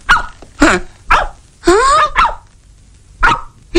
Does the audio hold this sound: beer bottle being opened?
no